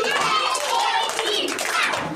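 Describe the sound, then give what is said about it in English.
A group of nursery and primary school children in Bauchi clap their hands in steady, continuous applause for a couple of seconds, fairly loud, with excited young voices calling out underneath. “Clap for yourself.”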